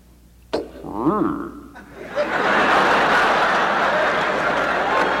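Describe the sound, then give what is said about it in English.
A car engine cranks on a cold morning without starting, hitting on a different cylinder because of the cold: a sharp click, a brief wavering, sputtering whine, then a steady loud rushing churn that carries on to the end. “That stinking thing is trying to start, and it's so cold that it keeps hitting on a different cylinder.”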